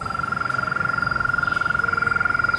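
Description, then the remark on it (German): A frog gives a sustained trilling call, a rapid, even stream of pulses that runs steadily throughout, clear over faint background noise, with no talking. “Das ist Trillern. Hören Sie das?”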